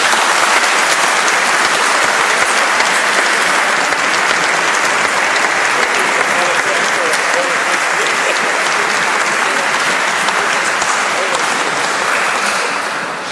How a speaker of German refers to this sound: Ich weiß schon, dass er das nicht will, aber ich denke, ein kräftiger Applaus wäre hier an der Stelle angebracht.